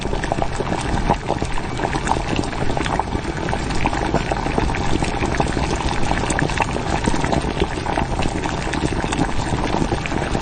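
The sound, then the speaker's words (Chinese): Thick caramel-colored braising sauce bubbles steadily in a pot, a dense, continuous crackle of popping bubbles at a fairly loud level, with no voices. “糖色汤汁已经调好，肘子下锅，你想少了。”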